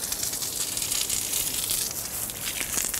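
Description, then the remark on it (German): A water shower sprays steadily onto a rhino at Zoo Berlin, a continuous bright hiss with faint crackling texture that stays fairly even for the whole few seconds, with no voices. “Wasser! Die Dusche.”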